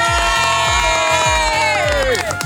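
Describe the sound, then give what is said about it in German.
Neighbours at a party in Weil am Rhein cheer and shout over music with a steady, thumping bass beat; sustained voices blend into a loud, continuous din, with one whooping cry sliding downward near the end. “Nebendran hört man noch die Nachbarn.”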